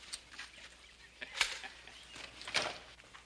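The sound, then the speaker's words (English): A new hen clucks in short, scattered bursts, a few sharper calls standing out over a soft, quiet background, with no one talking. “Got us a new hen”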